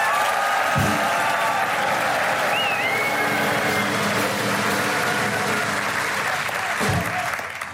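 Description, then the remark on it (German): Sustained audience applause for the favourites fills the whole stretch, dense and steady clapping from a large crowd, with a few whistles and faint cheering mixed in before it tapers slightly at the end. “Also A, gibt mal richtig luden Applaus für die Favoriten, so wie die das vorstellt, ja?”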